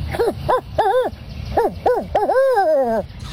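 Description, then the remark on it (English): A person imitates a barred owl, hooting in quick rising-and-falling bursts that end in one long, drawn-out descending call. The voice is loud, with no other sounds. “First, we get the barred owl.”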